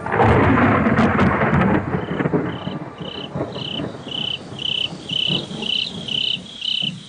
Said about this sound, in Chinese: 远处响了一声雷，要下雨了。